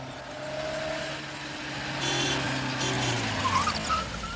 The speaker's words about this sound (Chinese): 过了一会儿，周北风听到门外有汽车声，于是便赶紧出了门，钻进汽车，直奔总部而去。